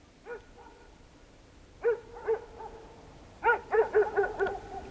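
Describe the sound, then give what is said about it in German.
A dog barks: a single bark, then a pair, then a quicker run of four or five tonal, slightly howling barks. No one speaks. “Ich habe Angst vor Hunden.”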